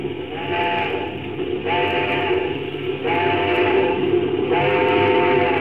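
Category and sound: vehicle, locomotive whistle blowing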